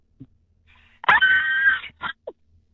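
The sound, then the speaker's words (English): A single loud, high-pitched Hollywood horror-movie scream from a late-night shopper, sustained for almost a second and cutting off sharply, followed by a couple of short breathy vocal sounds. “Okay, well, give me your best Hollywood horror scream in spotlight for everyone to hear.”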